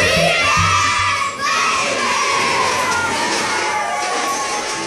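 A crowd of children screams and shouts with excitement in a Wendy's Frosty advertisement, a loud, continuous, high-pitched din of overlapping voices that stays steady throughout.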